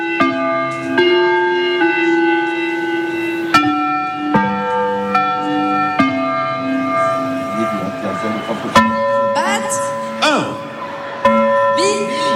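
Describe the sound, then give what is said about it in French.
Church bells peal loudly at Place de la Liberté in the Basque Country for the awakening of King Léon, with repeated strikes every second or two. The rich, humming tones overlap and ring on, with faint voices murmuring underneath. “Écoutez les cloches peut-être, là ça y est, qui retentissent, enfin.”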